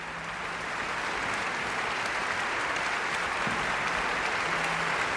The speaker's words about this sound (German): Das ist jetzt ein extra Applaus für die Holzbläser, die viel zu tun hatten in dieser Ouvertüre. Und auch die Hörner und die Pauke und das ganze Orchester dürfen noch einmal aufstehen.